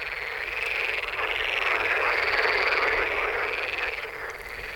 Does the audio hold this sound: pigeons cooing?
no